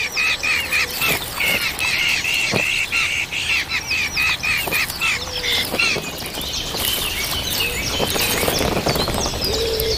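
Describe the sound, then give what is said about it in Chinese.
A nest of hungry red-tailed hawk chicks calls for food from their parents in a steady, overlapping chorus of shrill, high-pitched cheeps and squawks, loud and continuous with short sharp accents throughout. “一窝饥饿的大尾鹰雏鸟需要父母全心全力照料。”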